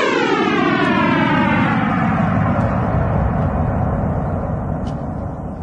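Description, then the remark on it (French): A sonification of the Big Bang, starting at the Planck wall, 10^-43 seconds after time zero, 13.7 billion years ago: a synthesized roaring rumble with a bright harmonic comb sweeping steadily downward in pitch, like a descending whoosh, loud and continuous throughout with no voices, easing slightly at the end. “ça commence au mur de Planck, c'est-à-dire 10 puissance moins 43 secondes après le temps zéro, c'est-à-dire le début du Big Bang.”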